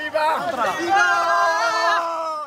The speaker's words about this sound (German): Tausende kommen heute über die Grenze. Migranten größtenteils aus dem benachbarten Marokko. Die meisten junge Männer und Jugendliche. Jubelnd laufen sie durch die Straßen Ceutas.